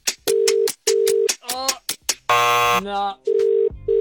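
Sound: telephone ringing unanswered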